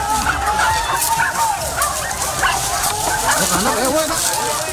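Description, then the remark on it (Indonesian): Many hunting dogs bark and yelp without pause during a wild boar hunt at Bukit Baru Berem, their loud, overlapping calls forming a dense, chaotic chorus mixed with hunters shouting throughout. “Suasana pun berubah menjadi riuh rendah, berbaur dengan suara gonggongan anjing yang tiada henti.”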